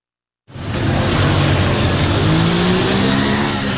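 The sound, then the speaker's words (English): A motorbike engine starts abruptly and stays loud, its pitch climbing as it revs steadily for a few seconds with a rough, rumbling roar and no voices. “Sat on a motorbike by the side of the street with an assault rifle in his lap, we meet one of the men authorities are turning to help combat the bandit problem.”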